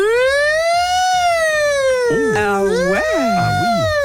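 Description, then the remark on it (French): A voice imitates a new police siren: one long, sustained wail that slowly rises and falls, then breaks into quicker warbling whoops near the end, loud. “Toutes nouvelles sirènes de police, elles font.”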